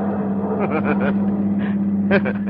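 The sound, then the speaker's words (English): A car engine drones steadily from inside the vehicle as it drives away, leaving downtown traffic behind, with a voice talking in short bursts over the constant low hum. “And then as you leave the downtown traffic behind you...”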